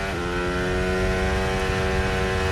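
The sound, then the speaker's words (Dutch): A high-pitched Formula 1 engine from Kimi Antonelli's Mercedes screams steadily at full revs on track on its first lap. It is loud, its harmonic whine holding a sustained tone for a couple of seconds with no voices present. “Onder de geluiden. Althans, die proberen ze. Ja, daar zijn ze.”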